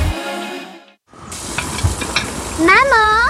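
Meat sizzles loudly in a hot pan with a steady, crackling hiss as pork loin is cooked for bitki cutlets. Before it, a short musical tone cuts off into a moment of silence, and a wavering whistle-like tone rises over the sizzle near the end.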